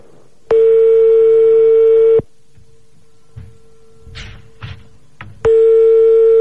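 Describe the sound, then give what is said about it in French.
A landline call rings out unanswered: two long, loud ringback tones separated by a few seconds of quiet line, with faint rustles and clicks in the gap and no one picking up. “Sinon, composons d'autres, j'ai l'impression qu'il va pas décrocher, cet enculé.”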